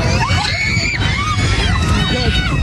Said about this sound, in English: A little more than 2 hours into the journey from Dubai to Tel Aviv, screams after the co-pilot allegedly attacked the captain in the cockpit.